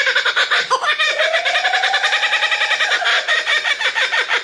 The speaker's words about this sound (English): There are so many beautiful bird sounds in the world and here in Australia. That is such a... That feels like one of the sounds of Australia. Mm. This is the kookaburra, which I love.